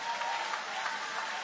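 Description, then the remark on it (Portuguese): An audience applauds steadily in praise of God during a sermon, a dense wash of many hands clapping at once, sustained and fairly loud throughout with no voices standing out. “Levanta a sua mão, levanta a mão e glorifica o nome dele com uma alegria. Aplaude a ele, louve a ele.”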